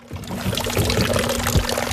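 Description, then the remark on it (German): Steady splashing of water from a fountain in front of a house in Riedern bei Riggisberg, Gantrisch area, canton of Bern, Switzerland; a continuous pouring trickle with small bright splatters, no voices, just the constant flow. “Das Plätschern des Brunnens vor dem Haus, es ist ein wichtiges Geräusch”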